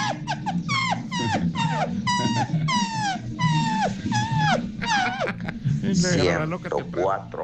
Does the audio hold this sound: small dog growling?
yes